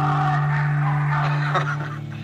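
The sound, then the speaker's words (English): A loud, buzzy megaphone blare, used as a sound effect for the Megaphone Monday segment on radio station 103.7 The Crow, holds a steady nasal pitch for about two seconds, harsh, with no voices around it. “All I do is say, get out your megaphones, and then you do it.”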